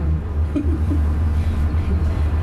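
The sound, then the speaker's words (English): A steady, loud low rumble of an orange line train car speeding up and out of the station, heard from inside as a continuous drone with faint rattling and no voices. “Seconds later, the car speeds up and out of the station.”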